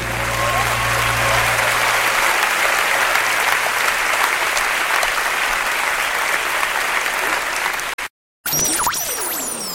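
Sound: applause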